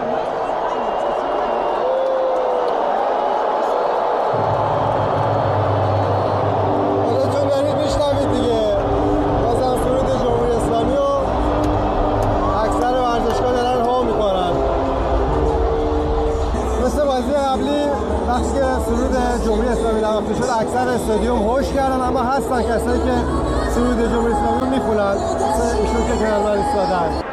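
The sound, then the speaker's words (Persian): A huge stadium crowd of Iran fans at a football match against Belgium roars continuously, cheering the players and booing the Islamic Republic anthem, a dense wall of cheering, shouting and booing, with a deep rumble swelling in after a few seconds and many voices rising and falling throughout. “بازیکنان رو هم حسابی تشویق کردن، اما باز هم سرود جمهوری اسلامی رو هو کردن.”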